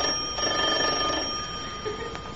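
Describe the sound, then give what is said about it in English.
A newly installed doorbell, put in to stop people knocking on the door, rings steadily for a couple of seconds, a bright, high metallic tone holding without a break, fairly loud, with no voices over it. “Go on, ring the bell.”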